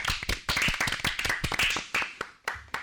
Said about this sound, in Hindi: बहुत सही, जोरदार तालियां हो जाए।